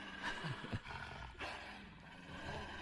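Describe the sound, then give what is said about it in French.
A deep, rumbling wolf growl at the start of a music track rolls on for a few seconds, harsh and throaty with a couple of sharper snarling surges near the start, with no one speaking. “Vu qu'il y a un loup qui apparaît.”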